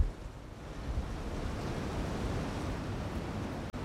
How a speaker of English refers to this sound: A little windy right now.